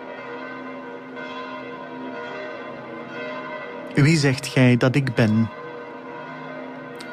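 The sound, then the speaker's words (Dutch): The church bells of St. Peter's Basilica ring in a steady, overlapping peal that hums on throughout, while a man's voice speaks one short phrase over them midway. “En we horen de klokken van de Sint-Pietersbasiliek.”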